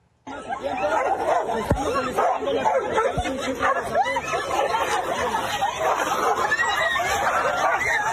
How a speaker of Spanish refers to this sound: Lo que debería haber sido un tranquilo recorrido de la presidenta Claudia Sheinbaum en Acapulco terminó con una batalla entre dos perros callejeros, obligando a varios asistentes a alejarse para evitar quedar atrapados en la riña.